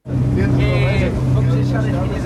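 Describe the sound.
A Portuguese gendarmerie coast guard patrol boat's engine drones steadily at sea at night off Lisbon, on patrol for drug traffickers' speedboats, a loud, continuous low rumble with a higher whine briefly rising above it, and muffled voices faintly in the background.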